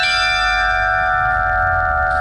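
A church bell rings loudly at a bell-making workshop, its rich, sustained metallic tones humming and overlapping without pause, with no voices present.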